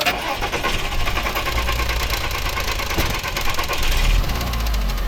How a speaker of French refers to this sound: Et donc là, j'ai tout de suite coupé le moteur. La voiture faisait ce bruit bizarre. Là, vous entendez ?